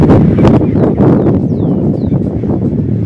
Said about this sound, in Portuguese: Jesus, puxei o blackout na janela aqui, dei uma olhada. Tá feio, tá assustando e já tem vento por lá também. Vamos escutar o vento aqui? Aí, ó.